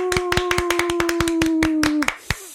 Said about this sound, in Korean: 저희 그 박수로 한번 시작해 볼까요? 하나, 둘, 셋 하면 박수로. 하나, 둘, 셋.